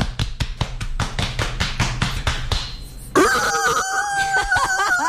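A steady run of sharp, evenly spaced taps lasts about three seconds, then a loud rooster crow bursts in and holds its long, strained call to the end.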